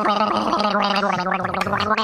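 A person gargling, a steady bubbling, throaty rattle with a voiced hum underneath, loud and continuous for about two seconds with no speech.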